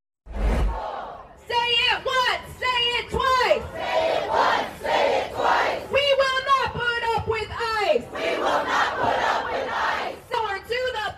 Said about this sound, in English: You are seeing protests in Houston, Texas, where crowds are demanding justice following a deadly shooting by an ICE agent.